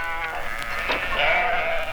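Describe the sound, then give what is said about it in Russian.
A karakul sheep bleats in a long, wavering, nasal cry that fills the whole moment, fairly loud, with faint background noise and no talking. “Каракульская овца в нашей стране занимает колоссальные территории в республиках Средней Азии и Южном Казахстане.”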